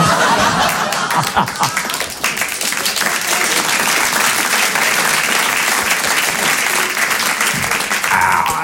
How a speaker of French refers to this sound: Merci pour le solo d'applaudissement.